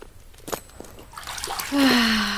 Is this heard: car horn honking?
no